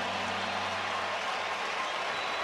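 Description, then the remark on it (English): A large baseball stadium crowd in Chicago applauds and cheers after an unsuccessful replay challenge by Cleveland, a steady, dense wash of noise that holds at an even level throughout, sounding broad. “You can hear the crowd here in Chicago.”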